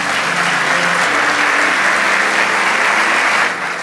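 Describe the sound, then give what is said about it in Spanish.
A crowd claps steadily for a few seconds, a dense, loud wash of applause that holds level before easing slightly at the end, with no voices standing out. “Vamos, dale ese aplauso.”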